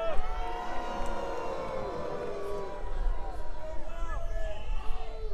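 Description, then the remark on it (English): A large crowd booing, a dense, sustained wash of many overlapping voices that holds steady and swells a little louder near the end, with no single speaker standing out. “Take your booing to the voting booth, where it really matters.”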